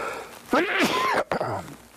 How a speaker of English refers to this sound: I sneezed.